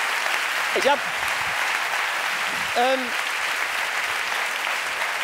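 An audience at a show in Cologne applauds a retired man in the audience, a dense, even wash of clapping that holds at the same loudness for about five seconds, with a couple of brief rising shouts or whoops cutting through.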